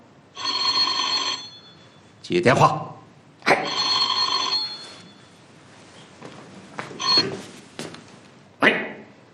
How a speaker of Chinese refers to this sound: 接电话。